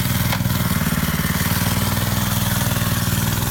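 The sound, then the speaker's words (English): Someone mimics a motorcycle engine with their voice, a loud buzzing drone that holds steady for a few seconds with a rough, rattling texture and no words. “It's just an electric motorcycle.”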